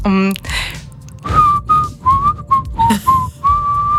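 A short, simple tune played on a whistle: a string of clear, thin notes stepping up and down, fairly loud, with a murmur of voices and noise underneath.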